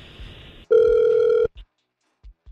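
A single loud ringback tone of an outgoing phone call sounds through the line for just under a second, preceded by faint line hiss and followed by a few soft clicks, with no one speaking.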